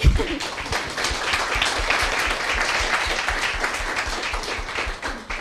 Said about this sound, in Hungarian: Köszöntsük egy nagy tapssal!